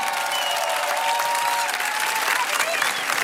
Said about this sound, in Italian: Facciamo sentire un applauso, vai.